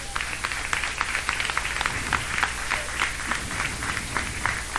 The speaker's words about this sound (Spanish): Dan palmas a Dios, hermanos.